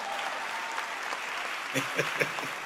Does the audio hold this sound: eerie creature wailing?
no